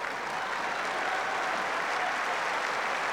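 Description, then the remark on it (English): Sustained applause from a large tennis crowd at a match between Sabalenka and Kessler, a steady dense wash of clapping at even loudness with no pauses and no voices standing out. “And the crowd really getting into this. They've loved the quality of this match.”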